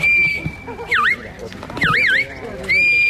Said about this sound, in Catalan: A partir dels xiulets i crits dels pastors, els gossos han anat conduint els ramats per superar les proves plantejades pel jurat.